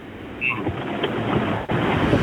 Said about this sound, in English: It sounds like it's pouring. Yeah, I'm just driving home from work. I'm in West Auckland right now. Very wet, eh?